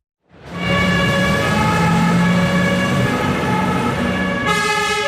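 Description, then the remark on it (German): Fire engine sirens wail loudly and steadily over a deep rumbling engine, layered tones droning on, with a second siren pattern cutting in near the end, as several Lucerne fire brigade vehicles leave the fire station in Lucerne, responding to an alarm call. No one speaks. “Gerade mehrere Fahrzeuge rücken wegen einem Alarm aus zum Einsatz, zu einem von gut 1400 pro Jahr.”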